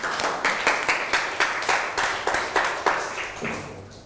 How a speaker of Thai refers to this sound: เก่งมากครับทุกกลุ่มปรบมือให้ตัวเอง